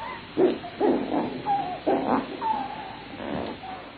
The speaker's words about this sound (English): Their hydrophones pick up all manner of sounds, like snowmobiles in the dead of winter, and the barking calls of seals when they're not busy scratching holes in the ice.